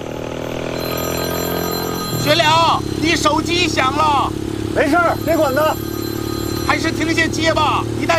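A mobile phone ringtone plays in repeated melodic bursts, fairly close and clear, over a steady low engine rumble like a running vehicle.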